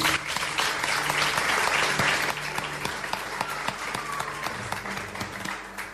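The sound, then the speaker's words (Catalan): A live audience of more than 70 people at the Museu d'Història de Catalunya applauds at the start of the Ràdio Castellar history radio programme Les Portes de Troia. It is a dense wash of many hands clapping that runs loud for about two seconds, then thins slightly while continuing steadily to the end. “Un fort aplaudiment.”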